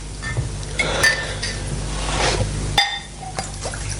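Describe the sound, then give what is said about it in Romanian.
A couple of sharp glass clinks ring out, with a soft splashing pour of whisky, served neat without soda or ice, between them and light rattling of glassware. “Eu zic atunci să bem un pahar de whisky. Simplu, fără sifon.”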